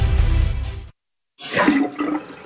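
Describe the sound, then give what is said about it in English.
A slow toilet is flushed again, with a loud, rushing gush of water, a brief moment of silence, then another surge of swirling, gurgling water draining away. “Honey, this toilet is still slow. Flush it again.”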